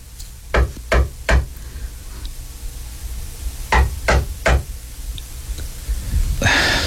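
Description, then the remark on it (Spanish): Two sets of three firm knocks on a friend's door, evenly spaced and fairly loud, with a pause between the groups and a brief rustling noise at the end. “preocupado, se atrevió a salir de su encierro casi permanente y tocar a la puerta de su peculiar amiga.”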